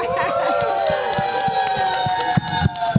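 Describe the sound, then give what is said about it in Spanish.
A crowd of students at the Faculty of Administrative Sciences of the Universidad Veracruzana cheers and yells together to open a live broadcast of the Show de la Tierra, many high voices overlapping in a loud, continuous din, with sharp claps or stomps punctuating the noise. “A ver, chicos, que se escuche la un bulla.”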